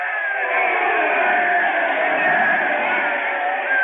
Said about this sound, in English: Ladies and gentlemen, I see the St. Louis manager is up out of the dugout, and everyone is screaming and yelling.